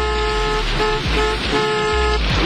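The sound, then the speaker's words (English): Several car horns honk in overlapping bursts over a steady traffic rumble at a school drop-off, loud, with repeated blasts across a couple of seconds. “Why are they all honking?”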